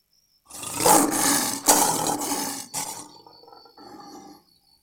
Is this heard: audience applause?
no